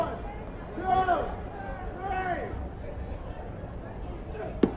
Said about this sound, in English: You hear the grunts? It was a slider,